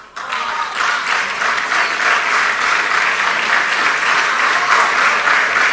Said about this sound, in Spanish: No era para que aplaudieran, pero bueno... Aprendieron de ayer, claro. Aprendieron de ayer que no aplaudían. Bueno, lo aplaudieron mucho, ¿eh? Hubo por lo menos 5 momentos de interrupción en el discurso de Caputo con aplausos